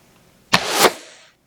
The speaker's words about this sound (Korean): 날카로운 소리와 함께 화살이 날아갔다. 화살은 요원의 팔목을 뚫고 벽에 박혔다.